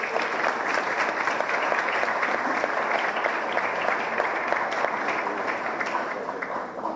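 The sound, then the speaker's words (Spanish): A crowd applauds steadily for about seven seconds for companies receiving Marca País licenses, a dense, even wash of many hands clapping, holding at the same level before easing off slightly at the end. “Un aplauso también a estas empresas.”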